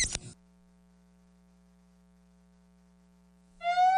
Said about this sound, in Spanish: ¡Emergencia! ¡Emergencia! ¡Ahí viene la ambulancia!